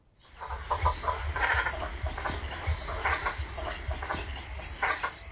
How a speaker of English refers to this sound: Yep, the Great Cormorant, the Pied Cormorant, Little Black Cormorant, Little Pied Cormorant and the Black-Faced Cormorant are the five distinct species of cormorant found in Australia.